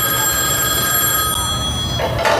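A telephone bell rings in one long, steady, loud metallic peal with a bright buzzing tone, cutting off near the end into a short burst of noise.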